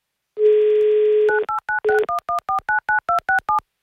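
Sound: telephone dialing tones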